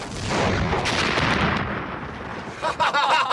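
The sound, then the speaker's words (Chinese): Heavy artillery cannon fire from the direction of a temporary airfield booms and rumbles loudly, a dense, sustained barrage with rolling low-end blasts, followed by a few sharper bursts near the end. “果然几分钟之后，在临时机场方向便响起了震耳欲聋的炮声。”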